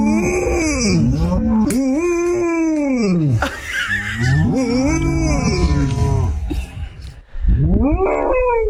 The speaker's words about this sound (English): So you do hear some real cows in that. So that's golden retriever Lucy mooing to a herd of cows.